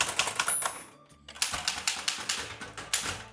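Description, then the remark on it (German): Rapid, crisp mechanical keystrokes clatter from a manual Erika typewriter at a desk in a creative studio on Hahngasse in the 9th district, a steady burst of sharp clicks with a brief pause near the start, fairly loud with no voices. “Heute ist nämlich der Tag der Schreibmaschine und es gibt immer noch Menschen, die täglich auf der Schreibmaschine schreiben.”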